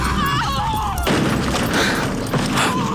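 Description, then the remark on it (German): A horse-drawn carriage with black horses overturns at a bend by a statue of the Virgin Mary: a high, wavering cry gives way to a sudden loud crash, then a sustained, rough clattering rumble with scattered thumps that carries on to the end. “Oh, Allmächtige, die Kutsche ist umgestürzt.”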